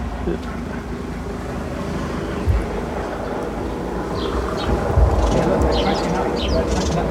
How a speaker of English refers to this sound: It seems a bit disturbed by the helicopter.